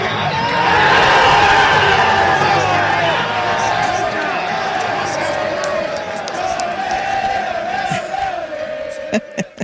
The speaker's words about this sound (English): There was more than 500 people in the crowd, and by the time Mexico scored its second goal of the Cup, spirits were pretty high.